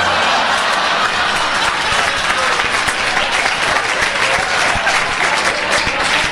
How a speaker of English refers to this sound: Isn't that amazing that he can stand up with those things? I mean, that alone they clap for. They clap for that alone.